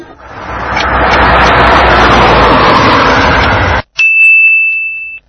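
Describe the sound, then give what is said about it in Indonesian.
A loud, steady rush of car engine and road noise fills nearly four seconds, cuts off abruptly, and a single bright, ringing chime follows and sustains to the end. “Sayyaratun, mobil.”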